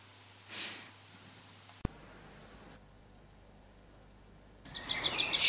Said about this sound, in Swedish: Hör du fågelsången i bakgrunden?